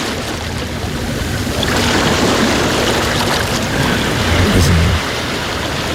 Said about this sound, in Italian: Un altro po' di mare si può fare. Mare vai.